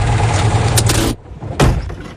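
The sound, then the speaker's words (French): A car engine rumbles steadily, then cuts off as the car parks in the shopping street of Cambrai. Sharp knocks and rustles follow, like a car door opening and passengers climbing out, ending with a quick thump. “Attends, on se gare parce que là, on est vraiment dans la rue commerçante de Cambrai. Alors à tout de suite, on descend, on y va”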